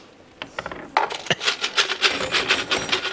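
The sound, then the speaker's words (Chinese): A large bunch of keys, one kept from each rented home over many years, clinks and jingles as it is set down, starting with a few sharp metallic taps and building into a dense, continuous rattling jangle, with no voices. “妈呀，这咋这么多钥匙呢？”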